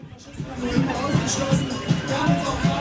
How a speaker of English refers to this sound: I'm making my way through a huge crowd of protesters. They're here because just up the road, the party Alternative for Deutschland is holding its annual conference.